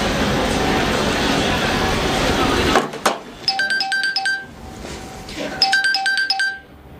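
A steady noisy hiss cuts off with a click, then an electronic phone ring sounds twice as a telephone call is being placed, each warbling burst lasting about a second with a pause between, clear.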